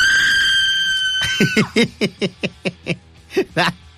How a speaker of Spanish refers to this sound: Y ahí le va, otro grito